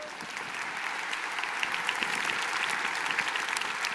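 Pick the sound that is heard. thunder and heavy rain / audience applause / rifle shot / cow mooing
audience applause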